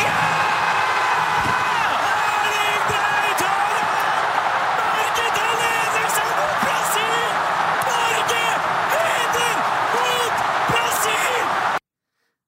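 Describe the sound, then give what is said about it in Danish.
A dense, roaring crowd of thousands of Norwegians watching the football match on a big screen at Ullevål Stadium in Oslo erupts in sustained cheering and yelling as Norway scores against Brazil, with excited Norwegian football commentators shouting over the din throughout, loud and continuous until it cuts off abruptly. “Det udløste eufori hos både norske fodboldkommentatorer på NRK og de mange tusinde nordmænd, der fulgte kampen på storskærm på Ullevål Stadion”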